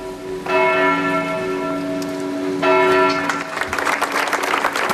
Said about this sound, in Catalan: Amb aplaudiments, unes 200 persones congregades a les portes de l'Ajuntament han trencat el silenci d'una ciutat, Manresa, que avui durant un minut ha emmudit.